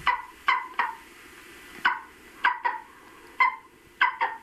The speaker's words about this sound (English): But as much as we, or maybe I, would like to think that hawks, those handsome, aggressive predators, would have fearsome voices to match their mien, they don't. Examples? Well, here's the majestic golden eagle.